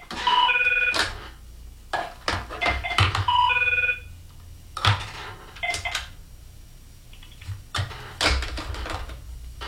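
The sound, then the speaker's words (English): A telephone rings twice in short bursts about three seconds apart, clear, with scattered clicks and knocks around it and no one speaking, at a radio station while the host is on the air during a pledge drive. “Yeah, well, I'm on the air, so I can't enter the phone.”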